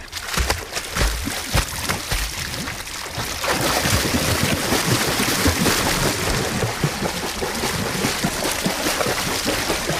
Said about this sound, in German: Wag ich auch mal den Sprung ins Wasser.